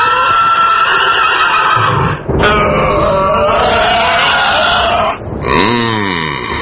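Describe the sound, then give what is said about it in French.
A horse, Pegasus, neighs loudly in repeated shrill whinnies, ending in a wavering, descending neigh, with snorting and grunting between the calls and no talking. “Se faire renverser de son cheval.”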